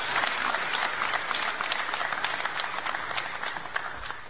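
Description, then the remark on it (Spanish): A crowd breaks into sustained applause for the company Argos, which is providing 300 quick-build houses for affected areas, 200 of them for Chocó, with dense overlapping clapping at steady loudness for several seconds and no voices standing out. “Un aplauso para Argos.”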